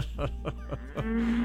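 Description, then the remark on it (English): Voices imitate a cow mooing, a few short rhythmic lows followed by a longer drawn-out moo, fairly loud, with no ordinary talk. “Okay, tell them they can knock off the cow sounds.”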